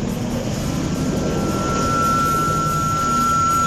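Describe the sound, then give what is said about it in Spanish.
A military helicopter drones steadily, a dense low engine rumble with a thin high whine on top, holding level throughout with no voices. “Un grande a programar en compañía de nuestro helicóptero del ejército.”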